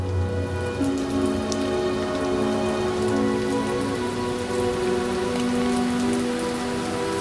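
Steady rain falls throughout, a dense, even hiss with scattered sharper drop taps, while low sustained tones hum underneath. No one speaks.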